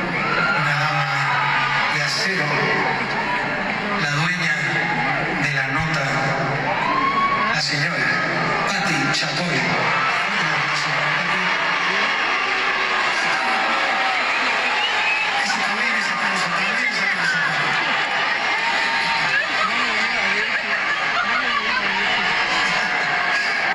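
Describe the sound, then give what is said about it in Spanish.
A large crowd boos and jeers loudly and continuously, a dense roar of overlapping shouts, whistles and yells that swells and dips without pause for the whole stretch. “Bueno, abucheo, rechiflas, mentadas de sí, madre.”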